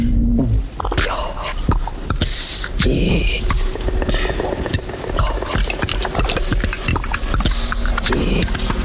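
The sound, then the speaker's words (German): In the film Disclosure Day, Emily Blunt as a TV weather presenter makes strange, garbled alien-like noises in a woman's voice: raspy hisses, clicks and warbling bursts that run continuously and fairly loud for several seconds. “Tja, solche außerirdischen Geräusche kommen dann plötzlich aus der hübschen Wetterfee und alle Zuschauer gucken staunend zu.”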